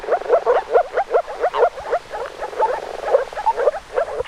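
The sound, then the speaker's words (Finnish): A chorus of moor frogs gives soft, bubbling, gurgling calls in rapid overlapping pulses, steady and continuous, with no voices. “Viikon luontoääni tällä viikolla on viitasammakko ja sen meille esittelee ….”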